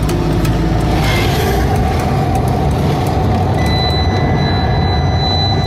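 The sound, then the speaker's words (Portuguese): A car drives slowly onto Albarquel beach in Arrábida, its engine and tyres making a loud, steady low rumble over rough ground, with a thin high tone appearing partway through. “Entramos de carro na praia de Albarquel, na Arrábida.”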